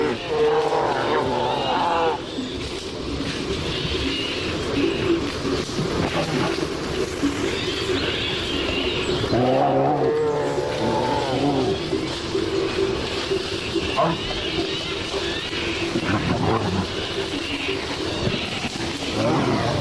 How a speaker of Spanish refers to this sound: Aquí escuchamos cómo una pareja de osos, un macho y una hembra, posiblemente en celo, están destrozando el monte.